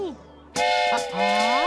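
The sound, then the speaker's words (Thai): A loud train whistle suddenly blasts after a brief quiet moment and holds as one bright, sustained toot, with a voice-like sliding tone rising underneath toward the end. “นี่ครับรถไฟ”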